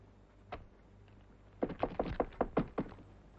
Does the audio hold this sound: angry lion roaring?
no